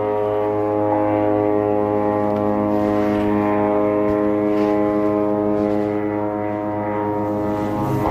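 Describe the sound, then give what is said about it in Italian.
A steady, loud droning hum of military aircraft overhead in Gaza, its buzzing engine tone holding constant for the whole stretch with no talking. “Aerei.”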